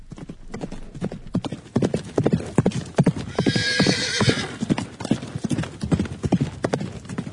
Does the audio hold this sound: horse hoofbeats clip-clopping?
yes